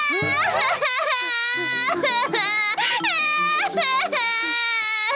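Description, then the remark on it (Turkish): A sick baby with a fever cries loudly in long, continuous high-pitched wails that rise and fall, with only brief catches for breath and no talking. “Bebeğim! Neyin var kardeşim? Yetişin komşular! Bebeğim hasta! Ateşler içinde!”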